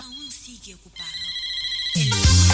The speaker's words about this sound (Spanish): Este es el teléfono.